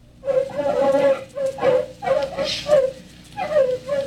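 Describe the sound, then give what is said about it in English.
Artificially enlarged terriers hunting in a field of fast crops, giving a rapid series of high, whining yelps, about six cries in four seconds, fairly loud over a rustling background. “Artificially enlarged terriers loosed in the fields of the fast crops.”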